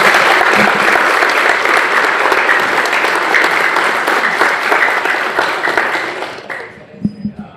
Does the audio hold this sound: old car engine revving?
no